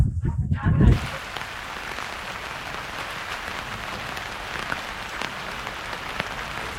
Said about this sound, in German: Heute regnet es und dieses Wetter scheint nicht allen Leuten so gut zu bekommen